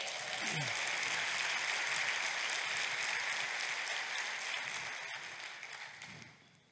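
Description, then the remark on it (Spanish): An audience breaks into sustained applause, a dense wash of many hands clapping at once that holds steady for several seconds before tapering off at the end. “Date un aplauso.”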